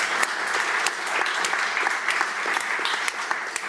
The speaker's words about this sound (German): Einen großen Applaus für unsere tolle Kunsterklärerin.